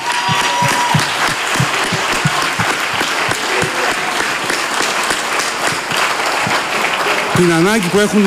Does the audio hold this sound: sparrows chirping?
no